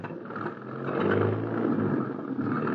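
A taxi cab engine revs and accelerates away, its low rumbling drone building steadily in loudness and holding strong for a few seconds, with no voices present.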